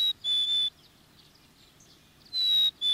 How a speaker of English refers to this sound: A black-capped chickadee.